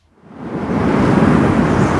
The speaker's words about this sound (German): Es ist draußen windig, es regnet, es ist kalt.